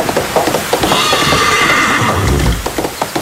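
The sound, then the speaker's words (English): A horse named Midnight whinnies loudly in a long, wavering neigh that rises and trembles, with soft hoof clops and low rumbling underneath for a few seconds, as it is ridden off toward a racetrack while a storm comes up. “Giddy up.”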